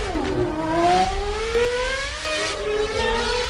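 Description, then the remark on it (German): A 112-metre-tall launch roller coaster, Europe's tallest and fastest, accelerating to 180 km/h in 5 seconds, its electric whine climbing steadily in pitch over a loud, rushing roar, sustained with no voices. “Red Force, eine 112 Meter hohe Achterbahn, die in nur 5 Sekunden auf 180 km/h hoch beschleunigt.”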